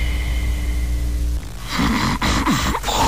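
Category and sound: vocal imitation, voice imitating loud snoring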